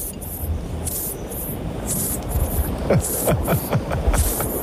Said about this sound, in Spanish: Parece un aspersor, ¿no? De césped, de estos.